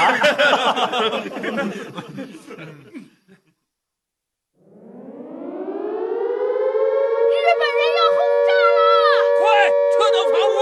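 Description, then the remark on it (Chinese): Laughing, chattering voices give way to a brief silence, then a loud air raid siren warning of Japanese bombing winds up in pitch and holds a steady wail, with voices briefly breaking in over it. “这一个星期我们跑警报就不下3次，鬼子还真舍得炸弹啊。”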